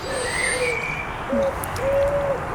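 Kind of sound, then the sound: bird, birds calling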